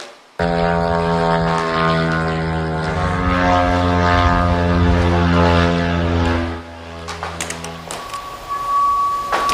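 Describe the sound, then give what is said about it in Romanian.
A propeller-driven kamikaze drone, one of hundreds launched by Ukraine's army in a massive attack on Russia, drones loudly and steadily overhead with a buzzing, harmonic engine whine, then fades out, leaving rumbling background noise and a faint tone. “Sute de aparate kamikaze au fost lansate de armata Kievului, iar autoritățile spun că vizate au fost rafinării de petrol și o importantă fabrică petrochimică.”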